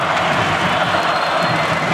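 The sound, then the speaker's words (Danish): A huge handball arena crowd of about 20,000 spectators, mostly supporting the Danish champions against Barcelona, roars and cheers in a dense, steady wall of sound, loud and unbroken for the whole stretch, with scattered clapping mixed into the din. “Det er hovedparten af 20.000 tilskuere, der holder med de danske mestre, de danske double-vindere, som prøver at vinde det triple.”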